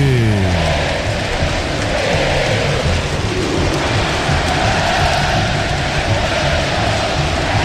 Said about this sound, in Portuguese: A torcida do São Paulo canta o hino, ouça a torcida que conduz na Band News FM.